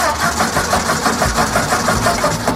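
The engine of an early car, like the first petrol-powered car built by Carl Benz in Mannheim in 1886, sputters to life and settles into a steady, rhythmic chugging, loud, with no voices present.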